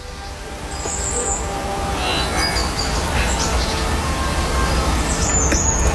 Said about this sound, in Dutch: De vogels die mij aanmoedigen om uit bed te komen.